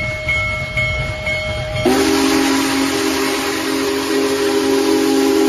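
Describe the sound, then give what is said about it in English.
The Union Pacific Big Boy No. 4014 steam locomotive, the world's largest in operation, rumbles through Hobart in northwest Indiana on a Friday morning along Norfolk Southern's Nickel Plate route, then a loud, deep steam whistle blasts and holds steadily over the mechanical noise of the passing train. “That's the Union Pacific's famed Big Boy steam locomotive chugging through Hobart Friday morning along Norfolk Southern's Nickel Plate route across northwest Indiana.”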